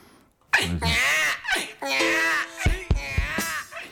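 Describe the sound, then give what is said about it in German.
A baby cries out in a few loud, high-pitched bursts, its voice rising and wavering, with brief pauses between outbursts. “Also nochmal ein kleines Babygeschrei.”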